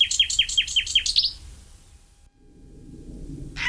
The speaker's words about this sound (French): Par contre, le numéro 9 est migrateur, c'est le rossignol philomèle. Le rossignol, lui, est arrivé d'Afrique début avril et il repartira fin août. Et lui, vraiment un chanteur extraordinaire, lui aussi.